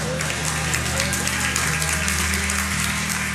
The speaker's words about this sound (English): Are you with me? Got three hand claps or whatever.